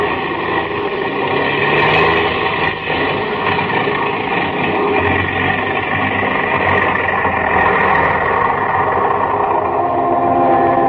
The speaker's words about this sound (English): The engines are stopping. We're going to fall.